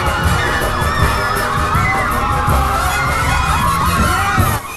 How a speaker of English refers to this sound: A large crowd of women chases him.